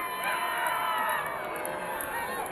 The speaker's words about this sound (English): What a beautiful day at Emerald Downs. This huge crowd is excited for some Corgi races.